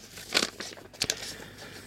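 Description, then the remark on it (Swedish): Paper rustles and crinkles in a few brief bursts, with crisp, bright rasps around the middle and a softer shuffle trailing after, as two letters are handled and pulled from an envelope. “Ja, det är faktiskt två brev i det kuvertet.”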